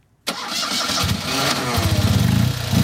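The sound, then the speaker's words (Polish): A small Fiat car engine cranks and catches after a brief silence, then settles into a loud, steady idle with a rapid, slightly uneven putter. “Są także osoby, które miały kontakt z rajdami czy offroadem, a połączyła je miłość do tego dźwięku.”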